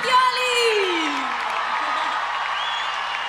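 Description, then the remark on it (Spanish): A crowd bursts into loud, sustained applause with whoops and cheers, one voice letting out a long falling whoop near the start before the clapping and shouting settle into a steady roar. “Fuerte el aplauso”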